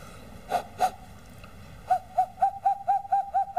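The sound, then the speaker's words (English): A hollow, breathy whistle made by blowing the air trapped in cupped hands, owl-like in tone: two separate hoots, a pause, then a quick run of about eight evenly spaced hoots at a steady mid pitch, with no talking. “You breathe out to produce the whistle, and this way uses the air trapped in my hands to make the sound.”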